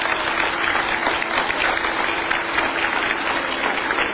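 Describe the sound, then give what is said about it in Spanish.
A crowd claps steadily for about four seconds for the children of the Rosita Palacios school in Sucúa canton, a dense, even wash of applause with no voices breaking through. “Un aplauso para nuestros niños.”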